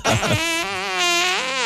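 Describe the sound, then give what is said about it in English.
A loud, buzzy fart sound effect lasting nearly two seconds, used as a timer in a game of Taboo, with a brassy, trumpet-like tone whose pitch wavers slightly before it cuts off. No one speaks over it. “When the fart stops, the timer stops.”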